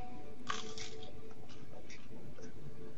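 Someone bites into a crunchy churro during a tasting on a radio broadcast, a crisp crackling crunch followed by a few quieter, scattered crunches of chewing, with no talking over it.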